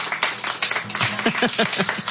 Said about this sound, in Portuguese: 2 anos do programa Sertão Evangélico. Eu quero ouvir os aplausos